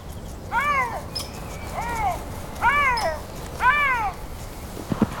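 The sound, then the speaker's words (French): A lynx, salivating at the thought of its next meal, gives four small meowing calls at a steady pace, each a short, arched, mid-pitched mew with a rising then falling tone, over a soft background hiss. “Notre lynx salive tellement à l'idée de son futur repas qu'il pousse des petits miaulements.”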